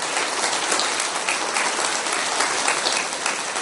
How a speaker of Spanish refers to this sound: ¡Aplauso para el Señor! ¡A Él la gloria!